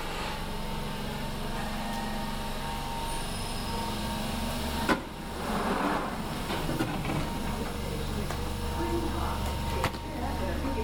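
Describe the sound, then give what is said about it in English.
A London Underground train rumbles steadily with a low, droning roar and faint whining tones, a sharp clunk cutting through midway as it pulls into Green Park station, with muffled voices in the background. “Green Park, don't I? All right, hold on.”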